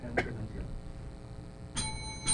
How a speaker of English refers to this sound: Let's hear the countdown clock. Thank you. That's the halfway. That's the second minute.